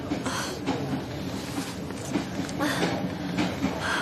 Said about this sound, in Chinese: 在哈尔滨开往佳木斯的火车上